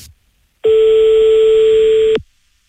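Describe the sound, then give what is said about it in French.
A single steady telephone ringing tone while placing a call to a kickboxer from Montauban, a flat electronic beep lasting about a second and a half, loud and clear with no talking, then silence. “Et là, on passe un coup de fil donc au régional de l'étape.”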